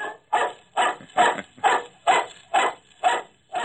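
A dog barks eight times in a steady, evenly spaced rhythm, each bark sharp and fairly loud, with no other sounds or voices around it.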